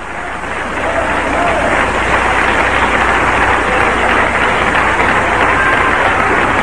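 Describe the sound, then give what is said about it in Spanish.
A church audience breaks into sustained applause for Christ during a sermon, a dense, steady wash of many hands clapping that swells within the first second and holds at a loud, even level throughout. “Denle un aplauso a Cristo, que se lo merece.”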